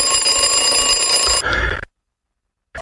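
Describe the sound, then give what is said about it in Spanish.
An alarm clock rings loudly with a dense, buzzing electronic tone for about a second and a half, then cuts off abruptly; a short faint blip follows after a pause. “Y el despertador nos dice: hoy elijo renovar mi conciencia.”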